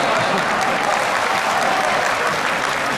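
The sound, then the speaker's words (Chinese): An audience bursts into sustained applause, a dense, steady wash of many hands clapping at full volume for the whole few seconds, with no voices rising above it. “小包一跨上台说话，谁给我鼓掌，我管谁叫爸。”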